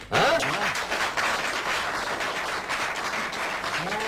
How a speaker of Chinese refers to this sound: 感谢大家啊， 还没唱就鼓掌了， 太热情了。 嘿嘿， 哎呀，谢谢谢谢大家的支持。